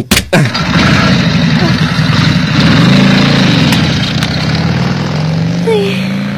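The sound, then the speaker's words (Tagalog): A tricycle's small motor sputters to life, then runs steadily and loudly, revving up as it pulls away and drives off at night after dropping off a passenger, with no talking. “Huwagin kulbaan mo ko sa ginambali manong tricycle driver pa.”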